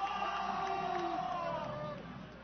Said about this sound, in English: Crowd that had been dead all night suddenly sparked here in the night.